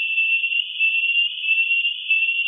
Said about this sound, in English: That whistle is the alarm call, stress. BASIS has lowered the pitch for human hearing. Many rat calls are in a frequency beyond the range of the human ear.